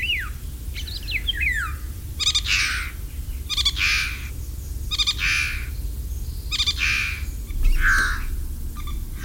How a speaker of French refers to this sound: Un oiseau migrateur qui chante, qui a un chant très spectaculaire et qui vient d'Afrique tropicale, même équatoriale, c'est le loriot d'Europe.